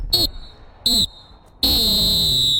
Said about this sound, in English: But I think it's time to blow that full-time whistle.